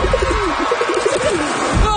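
Pigeons coo in a steady run of soft, low, throaty notes, one after another, over a constant hissing background noise. No one speaks.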